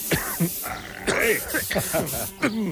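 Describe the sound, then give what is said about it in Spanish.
Short hissing bursts of an aerosol insecticide spray aimed at a large fly, bright and airy, come in quick puffs beneath a stretch of animated talking from several voices. “Mejor el spray.”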